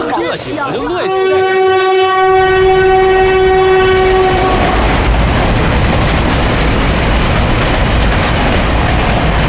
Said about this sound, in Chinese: 我跟你说过不要坐这趟火车，你非要坐。你说说，这趟火车慢车，哎呀，站又多，人又杂